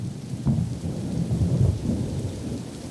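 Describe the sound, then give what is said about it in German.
A heavy thunderstorm over a bay, with lightning striking nearby: a low, continuous rumble of thunder rolling through steady rain, the deep booms swelling and fading over a constant wash of falling water. No voices. “Dem Regen würden wir trotzen, aber Ursula Hofbauers Gewitter-App zeigt immer wieder Blitzeinschläge in nächster Nähe.”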